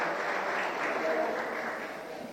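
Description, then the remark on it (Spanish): A crowd claps steadily throughout for the President and the authorities present at the end of an event launching Starlink kits for school and community connectivity, a dense, continuous patter of many hands at an even loudness without any pauses. “Les pedimos al señor Presidente con un fuerte aplauso, por favor, a las autoridades presentes.”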